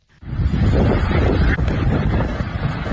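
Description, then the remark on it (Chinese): Loud, continuous roar of strong wind buffeting the microphone during a thunderstorm gale that struck Huangzhou District of Huanggang, Hubei, China, on the evening of July 6, toppling street trees, with gusty rumble and rushing noise filling the whole stretch after a brief quiet start. “7月6号晚，一场雷暴大风突袭黄冈市黄州区，20分钟的狂风暴雨导致市区多处行道树连片倒伏，电线杆拦腰折断，商铺房屋损毁。”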